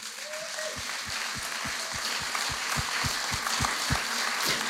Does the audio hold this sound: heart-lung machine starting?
no